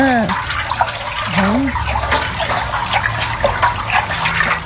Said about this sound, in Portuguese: Pega a anelina. Tem de várias cores. Tem de várias cores. Tem vermelha, tem azul. Coloca na água. É, quente. Coloca na água. Pega aqui, mexe. Pra não ficar embolado.